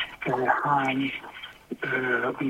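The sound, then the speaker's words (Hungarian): A caller's radio plays in the background over a telephone line, carrying a steady stream of thin, band-limited talk with short pauses, moderately loud and filling the whole clip. “Kedves hallgató, halkítsd légy szíves a rádiót, és úgy beszélgess velünk.”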